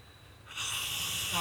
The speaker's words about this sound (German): Der Herr, der hier schnarcht.